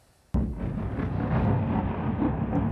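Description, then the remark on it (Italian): A sudden loud boom from an explosion during a night of Russian attacks on Kyiv, Ukraine, erupts after a moment of quiet, followed by a sustained heavy, deep rumble that rolls on without fading. “Improvvisi lampi di luce squarciano il cielo di Kiev, seguiti dal boato delle esplosioni mentre alte colonne di fumo sovrastano lo skyline della capitale.”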